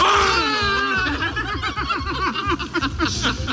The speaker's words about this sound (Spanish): Sí, estos eran los gritos de euforia del candidato … y la cúpula nacional, Weidel y Krupala.